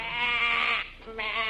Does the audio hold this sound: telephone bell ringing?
no